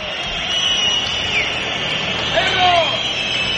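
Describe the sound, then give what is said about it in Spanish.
At half-time of Valencia vs Atlético de Madrid (0–0) at Mestalla stadium, a large crowd roars steadily while scattered shrill whistles rise and fall above the noise, a sustained wash of jeering and disgruntled shouting aimed at the players leaving the pitch, with no single voice standing out. “No, muchos pitidos, muchas quejas.”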